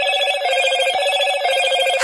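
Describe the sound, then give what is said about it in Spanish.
A Moto G86 5G mobile phone ringtone plays loud, a bright electronic warbling tone repeating steadily for a couple of seconds with no voices around it. “La producción de este programa se comunica con un Moto G86 5G.”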